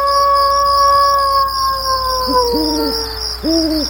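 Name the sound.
wolf howl sound effect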